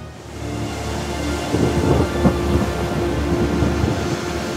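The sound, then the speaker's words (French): Heavy rain pours down in a steady, dense roar for several seconds, with a deep low rumble beneath it and no voices. “La pluie est sans fin.”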